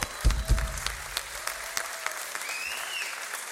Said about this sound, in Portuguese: Palmas para vocês.